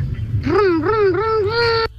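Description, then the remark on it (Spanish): A child's voice imitates a revving racing motorcycle engine, a sustained buzzing hum that rises and dips in pitch several times for about a second and a half, fairly loud, then cuts off. “Bien, moto de carrera.”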